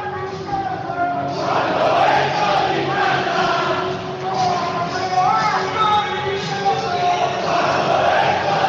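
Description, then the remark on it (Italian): The Irriducibili supporters, on an away trip at the Palazzetto, chant together in a steady, loud, continuous roar of voices, with sustained sung notes rising and falling throughout. “Cantano gli Irriducibili, trasferta abbastanza comoda a Palazzetto, tifosi di Vicenza numericamente inferiori rispetto, esatto, ai 300 di Brescia presenti.”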